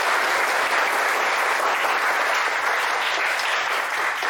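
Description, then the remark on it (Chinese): A class of students claps together in sustained, dense applause, a steady crackling wash of many hands lasting several seconds at an even, fairly loud level with no voices, welcoming a professional chef into their labour class. “好，下面就让我们掌声有请武师傅。”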